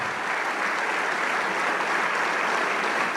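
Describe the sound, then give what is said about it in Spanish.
An audience at a church service bursts into steady, sustained applause for the King of Kings, a dense wash of many hands clapping at an even, loud level throughout with no voices standing out. “Y le damos un aplauso al Rey de Reyes.”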